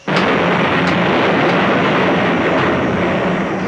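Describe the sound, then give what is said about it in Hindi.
Loud thunder from the clouds rumbles in an unbroken roar that bursts in suddenly and holds steady, with frightening sharp crashes of stones colliding breaking through now and then. No voices are heard. “तभी बादलों की तेज गड़गड़ाहट, दहाड़, पत्थर टकराने की भयावह आवाजें आने लगती हैं।”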